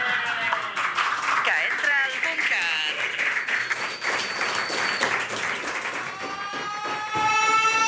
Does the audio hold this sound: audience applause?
yes